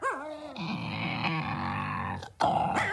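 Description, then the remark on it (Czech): A deep, rumbling bear growl rolls on loudly for a couple of seconds, wavering in pitch, then breaks off briefly before a harsher snarl starts up again. “Medvěd, koukni, Žery. Celou dobu byl tamhle vzadu.”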